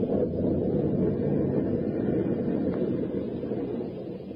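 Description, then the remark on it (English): A steady, heavy roar of storm wind and churning sea surrounds a boat, continuous and fairly loud with no voices, easing slightly toward the end. “A mad killer lurked in the shadows aboard a storm-tossed boat.”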